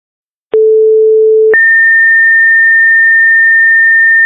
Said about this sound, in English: I have 26 station 21, this is just a test with the siren and pagers, and this is just a test with the siren and pagers.